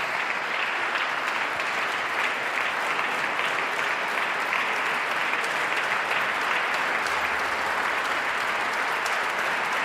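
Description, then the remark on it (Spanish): Sustained applause from a standing audience for composer Alfredo Arancil after a festival concert at the Monasterio de los Jerónimos, following his third book of Paradiso, a dense, steady wash of many hands clapping at an even loudness for the full length, with no voices standing out. “Paolo Pinamonti, el director del festival, también aplaude entusiasmado al compositor.”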